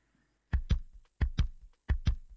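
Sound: heartbeat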